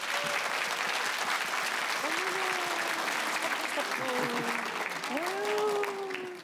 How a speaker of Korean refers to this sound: 오늘 어떤 국악계 꿈나무가 찾아왔을까요? 여러분 큰 박수로 맞아주시죠.